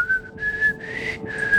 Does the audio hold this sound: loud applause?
no